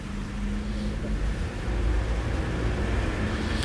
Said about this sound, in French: Rue du Four passe une camionnette LMT. 5 ou 6 voitures particulières, une camionnette bleue EDF.